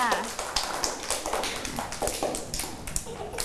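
A short round of clapping from a small group, with sharp, uneven claps overlapping steadily for a few seconds at a moderate level.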